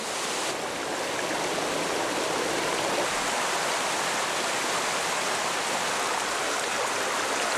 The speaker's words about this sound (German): Dann bricht das Unwetter herein. Das viele Wasser kann der Boden nicht schnell genug aufnehmen. Im nahen Balkangebirge verwandeln sich Rinnsale in reißende Bäche, schicken ihre Fluten hinab ins Donautal.